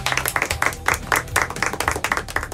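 Passengers in an airplane cabin clap together after landing in Palma de Mallorca, a dense, steady patter of many hands over a low engine hum, with rhythmic surges as the applause goes on without voices.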